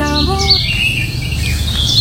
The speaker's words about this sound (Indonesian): Burung berkicau menambah keindahan pagi yang cerah dan damai.